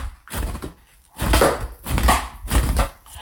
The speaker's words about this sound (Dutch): Ik klop de was uit voordat ik die ga ophangen.